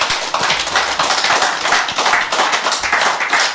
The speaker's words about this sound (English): A round of applause again for her.